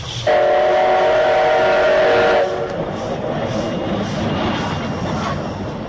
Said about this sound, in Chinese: 这是蒸汽火车汽笛和轨道的行进声音。这样的声音曾经被日本人票选为20世纪难忘的世纪之音。